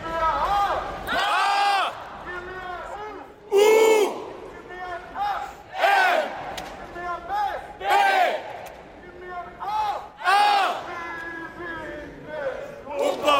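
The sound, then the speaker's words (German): A crowd cheers and shouts over a successful world record in continuous table tennis play, in loud, repeated bursts, voices rising and falling together with brief lulls between the swells of excitement. “Hier jubelt Halb Anziffer über den gelungenen Weltrekord im Dauertischtennisspiel.”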